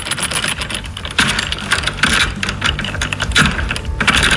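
Busy metallic clicking and rattling, fairly loud, as a key works in the lock of an armored box holding a concert ticket and the box is opened, with several sharper clacks along the way and no voices.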